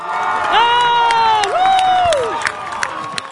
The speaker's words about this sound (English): Cape Verde fans were full of cheer at Town Field in Dorchester. There were around 200 people, many draped in the country's blue flag.